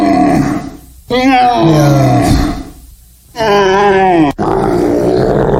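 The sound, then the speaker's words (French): A roe deer calls during the rut: a series of loud, drawn-out, harsh groaning cries with strong harmonics, broken by short pauses and ending in a sustained rasping call. “Oui, un chevreuil qui crie comme ça.”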